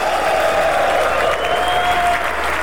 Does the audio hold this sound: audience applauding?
yes